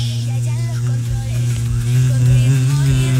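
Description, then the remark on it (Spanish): A bumblebee buzzes steadily, a deep continuous drone that holds throughout and swells slightly louder toward the end. “Y eso parece más un abejorro que una abeja.”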